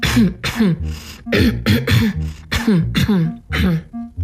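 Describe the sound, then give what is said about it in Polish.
A run of short, fairly loud nasal throat-clearing grunts and coughs, done as an exercise to warm up the back of the throat, with air let out only through the nose. They come in quick pairs with brief pauses between, about eight bursts in all, with the mouth kept shut. “Chrząkajcie, pokasłujcie, ale starajcie się wypuszczać powietrze tylko przez nos, nie przez buzię.”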